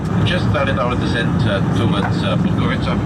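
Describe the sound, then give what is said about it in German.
A steady, loud airplane cabin roar during a landing approach over Podgorica, the capital of Montenegro, a constant low rumble filling the space, with indistinct voices talking over it throughout. “Landeanflug über Podgorica, der Hauptstadt Montenegros. Der Blick aus dem Flugzeug zeigt zerklüftete Gebirgslandschaften.”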